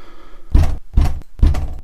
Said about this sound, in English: I knocked.